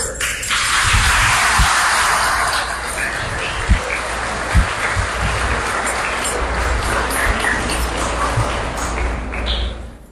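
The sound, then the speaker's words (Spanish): An audience claps steadily for about ten seconds for the winner of raffle number 74, who takes a San Judas Tadeo picture; a dense, crackling wash of many hands at an even loudness, with a few sharper thumps and murmurs underneath before it fades at the end. “Un aplauso.”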